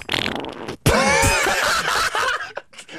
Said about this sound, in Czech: Co to leze? Co to? Prdík!